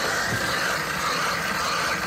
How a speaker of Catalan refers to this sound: La barrina que esteu sentint està foradant la capa de gel que cobreix el llac, un gruix d'entre 2 i 3 metres.